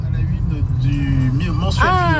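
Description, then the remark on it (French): A car drives along a winding mountain road between Beaufort and the Lac de Roseland, an artificial lake behind a dam, with a steady low engine rumble throughout, while a person talks over the noise toward the end. “on t'écoute en voiture sur la route entre Beaufort et le lac de Roseland, qui est un lac artificiel parce qu'il y a un barrage qui a été construit ici”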